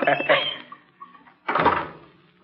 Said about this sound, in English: Just closing the door.